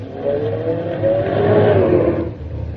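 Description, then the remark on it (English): A car engine revs loudly and steadily, its pitch rising and falling as it accelerates, then eases off near the end, as the car is being parked between two cars during a driving test. No voices are heard. “The inspector wants to know if you can park the car,”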